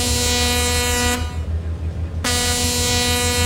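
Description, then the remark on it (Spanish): A big ship's horn blares as it passes, in a loud, deep, sustained blast, breaks off for about a second into a rushing noise, then sounds again just as strongly to the end. “Nomás se escuchaba cuando pasaba así el barcote.”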